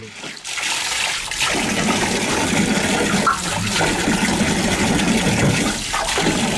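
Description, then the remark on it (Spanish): A washing machine filling with water, a steady rushing hiss that stays loud and continuous for several seconds, with slight surges in the flow and no voices. “El orgullo de Brahim, una lavadora.”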